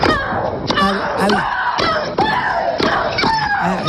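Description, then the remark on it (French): Russian tennis player Maria Sharapova lets out a loud, drawn-out shriek with each stroke while playing tennis, the cries repeating roughly every half second, each one starting with a sharp crack of the ball off the racket. “celle que vous entendez, c'est la Russe Maria Sharapova qui joue au tennis”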